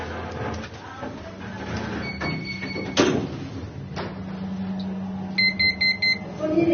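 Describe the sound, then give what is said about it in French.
Elevator doors slide shut with a soft thump over a low motor hum, followed by a steady tone and then a quick run of four high beeps. “Fermeture des portes.”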